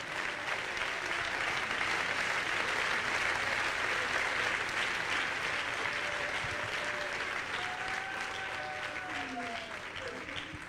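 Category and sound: crowd, audience clapping hands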